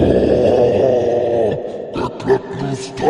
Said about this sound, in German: Ihr hört von diesem Spalt, in dieser Kammer mit den Wölfen ging ja dieser Spalt nach oben und ihr hört von oben ein wütendes, tiefes Grollen.